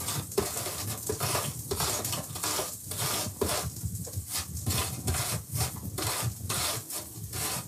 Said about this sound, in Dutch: En nu de appel. Ook raspen, hè. Een beetje voorzichtig zijn.